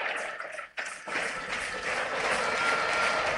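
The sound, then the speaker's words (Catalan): A football stadium crowd at Mestalla chants and roars during a Trofeu Taronja match against Newcastle, a dense, steady wash of voices, dipping briefly near the start before swelling back and holding loud to the end. “Mentrestant, els càntics en Mestalla, Sent també que vol passar-se bé en este trofeu taronja.”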